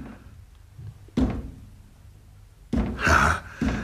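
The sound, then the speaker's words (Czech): Several dull knocks on a locked door by someone shut inside, an isolated thud followed by a quick louder cluster and one more rap, with quiet in between and no talking. “Ale proč klepe na dveře?”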